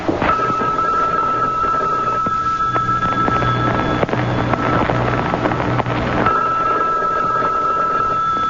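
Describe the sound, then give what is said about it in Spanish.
A telephone rings on and on with no one answering: a loud electronic ring in long bursts separated by a pause, over a noisy, rumbling background. “Bueno, y es que nadie va a contestar. Y no está diciendo que nadie toque el cacho, pues. ¡Conteste!”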